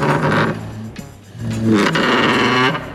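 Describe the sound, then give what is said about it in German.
A chair scrapes across the floor in two drawn-out pushes, each a loud grinding rasp with a squealing, groaning tone and a brief pause between them. No one speaks. “Leider nicht, das wäre ein Stuhl gewesen.”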